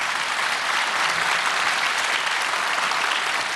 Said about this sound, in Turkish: Ve onları buraya getiren Manisa Selenliler Derneği'ne çok teşekkür ediyoruz. Bir alkış olsun onlara da.